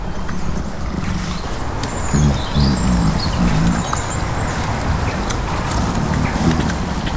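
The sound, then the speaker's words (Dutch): Faint, scattered robin chirps from robins circling around a feeding spot drift in over a steady outdoor background, with a few soft, rhythmic low thuds partway through; no one speaks. “Er komen ook altijd roodborstjes zo een beetje rondcirkelen om te kijken wat ze”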